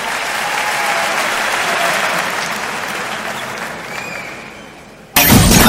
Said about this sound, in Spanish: favor, fuerte el aplauso.